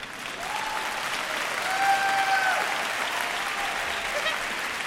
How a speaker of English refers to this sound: From this moment on, don't be bashful. If you want to applaud, go ahead. I love it.